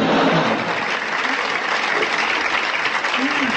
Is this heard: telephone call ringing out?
no